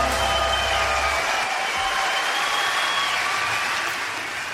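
An audience applauds steadily, a dense wash of clapping at constant loudness that eases slightly toward the end, with no voices over it.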